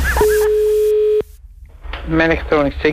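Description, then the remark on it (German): Telephone tones: a couple of quick dialing beeps, then a steady electronic line tone holding for about a second before cutting off abruptly. After a short pause, a person starts talking. “Das Telefon.”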